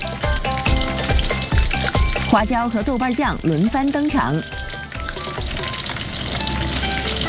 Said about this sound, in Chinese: 猪油和鸡肉的用量几乎是1:1。重油是小煎鸡的标志之一。当鸡肉被热油煎炸到外表微黄、水分微干时，就要进入调味阶段。